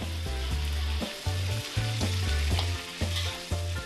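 Sichuan twice-cooked pork (huiguorou) stir-fries in a wok with Sichuan sweet bean sauce and doubanjiang: a loud, steady sizzle with regular scraping strokes about twice a second, over a low, tuneful backing that sounds like music. No one speaks.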